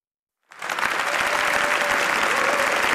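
An audience at a live RAC1 radio show in the Centre Cultural Municipal de Valls bursts into applause after half a second of silence, a dense, steady wash of clapping that stays loud and even throughout, with a faint sustained tone running beneath it.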